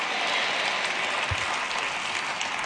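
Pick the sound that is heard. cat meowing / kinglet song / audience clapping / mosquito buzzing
audience clapping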